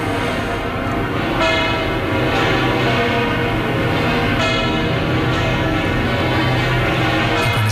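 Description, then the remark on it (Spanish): Church bells in Madrid peal loudly and continuously as the Pope sets out through the city's streets from in front of the Almudena Cathedral, overlapping strikes blending into a dense, ringing wash of tones with fresh hits every second or so, with no voices. “Atmósfera de que le dan las campanas a cualquier evento, pero que aquí es esa cobertura sonora y que es también anímica del encuentro que a partir de ahora inicia ya así con la ciudad de Madrid, con el pueblo de Madrid,”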